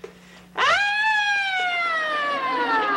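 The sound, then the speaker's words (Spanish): A voice imitates an ambulance siren with one loud, sustained wail that swoops up and then slowly glides down in pitch. It begins after a brief quiet moment and carries on to the end. “¡Soy la sirena de la ambulancia!”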